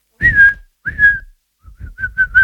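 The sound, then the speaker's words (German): Someone whistles a bird call as a clue in an animal-guessing game: two drawn-out, slightly wavering notes, then a quick run of short chirps, all at a steady high pitch with no talking. “Ich glaube, du bist ein Vogel.”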